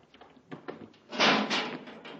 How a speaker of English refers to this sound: Hey, an airlock. Get in and close the door